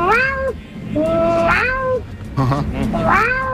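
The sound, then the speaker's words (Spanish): A person imitates her own cat meowing, giving three or four loud, drawn-out whiny meows in quick succession, each bending up and then sliding down in pitch. “Mi gata.”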